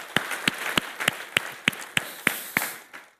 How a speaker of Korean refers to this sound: 오늘도 우리에게 귀한 은혜 주실 하나님, 또 이미 우리 자녀들을 통하여 은혜 주신 그 하나님께 또 영광의 박수를 돌리며 우리 친구들을 환영하는 감사의 박수를 한번 돌리도록 하겠습니다.